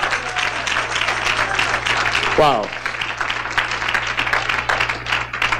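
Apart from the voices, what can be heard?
audience applause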